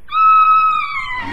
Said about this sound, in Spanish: Fue entonces cuando de la boca muy roja de la ya gigantesca aparición emergió un grito aterrador.